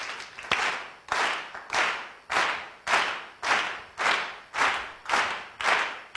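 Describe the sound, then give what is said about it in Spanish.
An audience claps a steady pulse together, like a heartbeat, in an even rhythm: about ten loud synchronized claps with a slight sloppy smear on each beat, no voices over it. “Vamos a aplaudir todos pulsos.”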